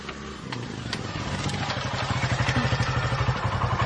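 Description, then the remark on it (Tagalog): A motorcycle engine chugs with a steady, pulsing rhythm, growing louder, with some light clatter mixed in and no talking. “May motor na may unong.”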